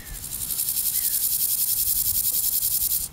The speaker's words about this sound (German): Folgt man dem Trampelpfad vorbei an der Vogelschutzzone, gerät man in ein besonderes Habitat auf dem Tempelhofer Feld, den ehemaligen Taxiway, wo früher Flugzeuge geparkt wurden. Ich Genau, das ist jetzt das, wo die ganzen Heuschrecken sind.